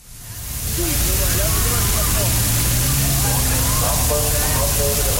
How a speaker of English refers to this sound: In Berlin, police deploy water cannons not to fend off protesters, but to give crowds who'd gathered relief from the heat wave.